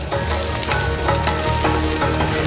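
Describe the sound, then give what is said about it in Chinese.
Freshly dug spring bamboo shoots, not blanched, sizzle loudly in a very hot wok with no water added, stir-fried for oil-braised bamboo shoots: a steady, dense crackle of frying oil with occasional scraping stirs, continuous throughout, with no voices. “新出土的春笋足够鲜嫩，无需焯水，直接入锅。”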